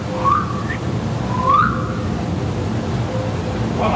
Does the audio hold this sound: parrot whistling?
yes